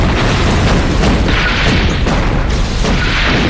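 Heavy artillery shelling roars on without pause, a dense wall of overlapping booming blasts and rumble filling the whole stretch, loud and churning with no quiet gaps and no voices.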